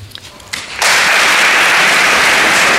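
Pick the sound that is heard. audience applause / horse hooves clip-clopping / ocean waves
audience applause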